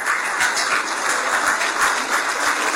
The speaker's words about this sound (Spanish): Ganamos. Fuerte el aplauso para los que hicieron justicia en el Mundial.